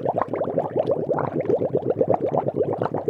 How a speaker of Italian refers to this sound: Però il vaso positivo è che ho imparato a fare i fischi con la cannuccia. E posso anche fare le bolle d'acqua.